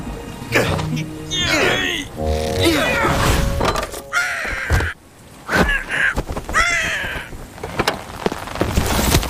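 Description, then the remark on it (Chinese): A glass bottle, pushed off by the cartoon bears Xiong Da and Xiong Er to scare away a parrot, crashes and shatters with a bright, brief burst of breaking glass, surrounded by frantic bird-like squawks, caws and excited cartoonish vocal noises. “熊大熊二过来，鹦鹉的胆子小，把玻璃瓶推下去吓跑他。”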